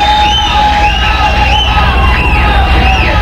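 A concert crowd roars and cheers continuously, calling for an encore, with repeated rising whoops and whistles cutting above the loud, steady wash of applause and shouting.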